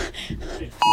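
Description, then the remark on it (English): A phone notification alert chimes suddenly at the end, a loud, steady electronic beep as everyone present receives the same notification just before 2:00, cutting in right after a stretch of murmuring background voices and room noise. “This is 1:59 and 50 seconds, just before we all received the notification.”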